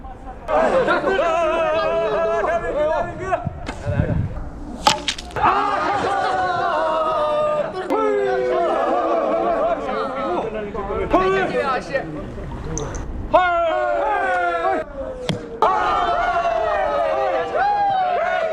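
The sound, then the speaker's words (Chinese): A group of spectators at an archery contest shouts and cheers excitedly, many voices overlapping in loud, pitched calls and chatter that rise and fall in bursts throughout, apparently after one team won the first shot. “射程啊还是比较远的，我看不太清楚他们这个成绩，但是通过他们欢呼的这个状态应该感受到，应该是刚才这一队获胜了。”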